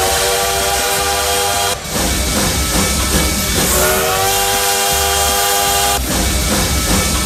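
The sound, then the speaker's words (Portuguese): A train whistle sounds in two long, loud blasts with a steady harmonic tone, over a continuous hissing, rumbling engine noise; no one speaks. “E quem aqui, ó, fazendo barulho e já aquecendo os motores do trem bala por aqui, ó.”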